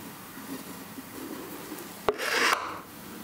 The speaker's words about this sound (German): Auch die Gießnähte kommen unters Messer.